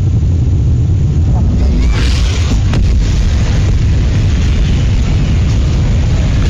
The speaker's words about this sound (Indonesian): Rekaman video menunjukkan dahsyatnya ledakan yang menghancurkan bangunan masjid Al-Mutakin dekat WMCA di pusat kota Gaza. Media Palestina melaporkan pesawat Israel menyerang setelah warga diperingatkan untuk mengungsi.